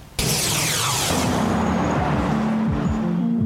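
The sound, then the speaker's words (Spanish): Loud, steady road noise bursts in almost at once, a dense rumbling roar of traffic with engine tones sliding downward as cars pass by. No voices are heard. “Este ruido de las ventilaciones a nivel industria, de los carros que están pasando, la bulla que siempre hay, que tiene frecuencias muy bajas, y dijimos, ¿por qué no aprovecharlo?”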